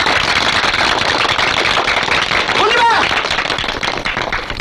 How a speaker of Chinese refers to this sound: 我们谢谢师长。我提议大家鼓掌，在这给你鼓掌。